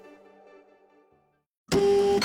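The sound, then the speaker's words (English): A soft mechanical whir with steady tones fades to near silence, then a printer abruptly kicks in loud, roaring with a sustained buzzing motor and feeding noise, as the just-repaired printer comes back online. “Wow, you make fixing a printer look so easy.”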